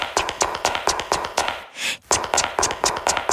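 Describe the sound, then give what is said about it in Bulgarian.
Women's high heels click briskly along an office corridor in a quick, steady rhythm of sharp taps, pausing briefly for a soft rushing swish before the rapid clicking resumes. No one speaks. “До сега се чуват само токчетата на жните.”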